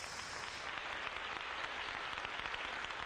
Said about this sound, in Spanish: Dale un aplauso al Rey.